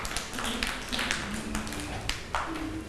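A group of children in a classroom clap their hands for a classmate in a steady, uneven patter of sharp claps lasting a few seconds, with a faint tonal hum underneath.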